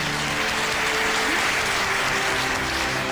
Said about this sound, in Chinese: 让我们再次把掌声送给他们俩，希望他们的日子能够越过越好。